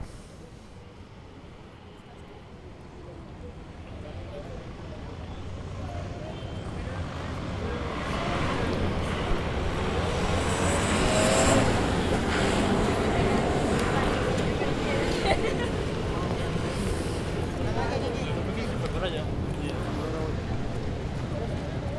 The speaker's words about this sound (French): Vous entendez, on a des gens, on a des gens qui marchent, on a des voitures un petit peu, on a des enfants aussi, moi j'ai entendu des enfants.